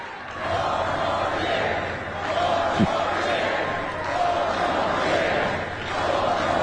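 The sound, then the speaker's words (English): A rally crowd cheers and shouts wildly after someone shouts out "four more years", a loud, continuous roar that swells and dips slightly throughout, with a single sharp thump partway through. “Oh, they go crazy.”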